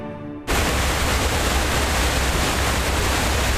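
A massive waterfall, the Detian Falls on the China–Vietnam border, roars in a steady, dense rush of crashing water, loud. It bursts in after a brief moment of soft tonal sound and then holds constant.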